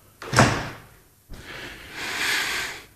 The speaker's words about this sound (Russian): Так вот, дверь прикроем.